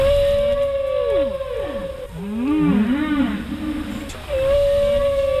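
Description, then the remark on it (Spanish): Long-finned pilot whale calls underwater in a strait crossed by ships: a steady high whistle interrupted by sweeping, descending and rising tonal calls, some buzzy and pulsed, fairly loud over a low watery rumble. “El ruido que hacen está ocasionando que las ballenas piloto tengan que encontrar otras formas de comunicación.”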